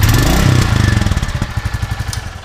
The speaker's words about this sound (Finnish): Kyllä se hienolta kuulostaa, kun toi prätkä kehrää. Ei sille minkään voi. On siinä jotain kyllä viehättävää ja hienoa.